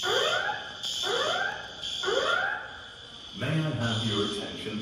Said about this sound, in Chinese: 机场内大厅随即响起警报，同时播放紧急撤离广播。